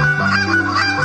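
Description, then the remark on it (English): A man, a championship goose caller, demonstrates his goose-calling technique with loud, nasal honking that runs almost continuously for about a second, with slight breaks between calls. No one speaks. “demonstrating his championship goose calling technique”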